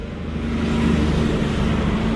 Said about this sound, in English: And as you can hear, there's traffic streaming up and down State Highway 1 that intersects the town. And I'm going to have to stop for a logging truck that's coming past. Hold on.